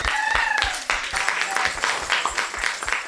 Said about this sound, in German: Ja. Es war halt so eine tolle Klasse. Wirklich. Ja. Applaus für euch.